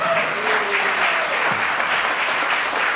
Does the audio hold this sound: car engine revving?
no